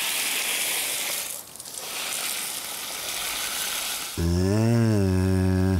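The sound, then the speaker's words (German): Shower water runs in the morning in a steady, broad hiss the whole way through. Near the end a loud, wavering tonal call cuts in over the spray. “Lust auf eine Dusche oder eher wasserscheu heute Morgen?”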